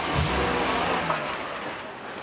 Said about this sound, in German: Moment mal. Das ist Krauses Auto.